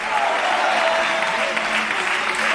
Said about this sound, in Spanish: Dale fuerte aplauso al Señor en esta noche. A su nombre.